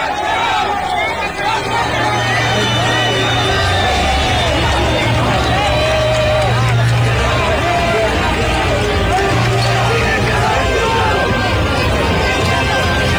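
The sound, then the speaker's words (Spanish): A large crowd cheers and applauds in celebration as a woman is pulled out from under concrete slabs in a rescue, a loud, dense roar of clapping and shouting voices that holds steady for the whole stretch over a low droning hum. “Y ya al final pues la extraen y de esta manera todo el mundo sueltan aplausos y coloquémosle ahí sí volumen al video porque quiero que sucedamos esta celebración, este júbilo de alegría.”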